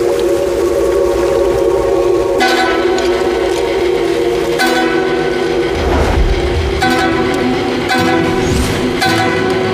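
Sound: train approaching on railway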